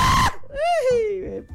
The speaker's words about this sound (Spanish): Eso es un grito salvaje, eso es un grito.